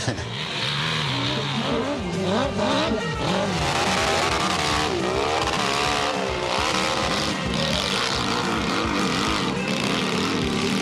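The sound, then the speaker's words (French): Trial motorcycle engines rev and rasp continuously, their pitch sweeping up and down as throttles open and close, several overlapping at a steady, loud level with no pauses. “Alors, il n'y a pas que les preuves qui est dingue, les motos aussi, elles ressemblent à rien d'autre.”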